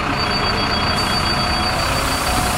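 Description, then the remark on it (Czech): A bus engine idles at a bus exhibition on Letná plain in Prague, with a steady, low diesel rumble and a thin high whine running over it, continuous and fairly loud throughout, with no one speaking. “Máme tady výstavu všech autobusů ve Středočeském kraji i v Praze, jednotlivých dopravců.”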